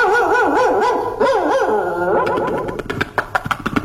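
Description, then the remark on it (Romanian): A dog named Rex, let loose to chase after a neighbour, barks, first with drawn-out, wavering yowls that rise and fall in pitch, then with a rapid run of short, sharp barks toward the end. “Nu, i-am dat drumul lui Rex după el.”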